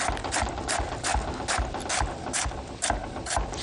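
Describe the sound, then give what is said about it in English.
A knife slices steadily through crisp purple cabbage, producing a regular series of crunchy cuts about twice a second, fairly loud, with no voices. “So just kind of cut off the bit that was in the fridge before, and we'll just slice this up.”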